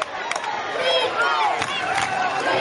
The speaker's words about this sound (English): Charleston crowd chanting defense.